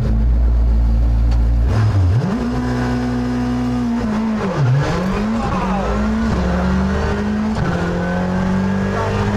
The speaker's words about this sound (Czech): Tady bude prostor něco si říci, protože moje komentáře pod řevem motoru Fabie RS Rally 2 se zúžily na takové ty jako zatáčka, není to úzký, pozor, jsou tam vrata, a pak už jenom většinou wow, oh, ty kráso, taky krávo a tak dále.